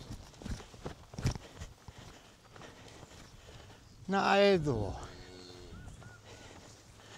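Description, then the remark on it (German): Cattle hooves thud and clop unevenly on the ground as cows and calves trot past, being driven to a new pasture, with a loud drawn-out call midway and a person speaking briefly. “Und Kalb nehmen Fahrt auf.”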